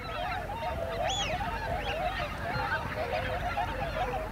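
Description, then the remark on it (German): A huge flock of thousands of wigeon ducks, startled by a white-tailed eagle, calls continuously, a dense overlapping chorus of whistling notes with sharp rising and falling whistles standing out over a steady roar of wingbeats and noise. “Das hier sind Pfeifenten. Zu Tausenden.”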